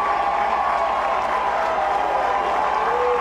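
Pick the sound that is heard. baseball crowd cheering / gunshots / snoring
baseball crowd cheering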